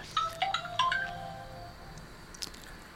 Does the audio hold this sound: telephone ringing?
yes